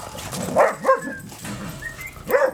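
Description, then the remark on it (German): Several dogs, including Red and Bonito, a mixed breed, bark and yip excitedly as they meet and play at a dog boarding kennel in Waiblingen, with short bursts near the start and again at the end, plus some whimpering between, like lively play. “Und so sieht es dann aus, wenn die aufeinandertreffen. Erstmal Party.”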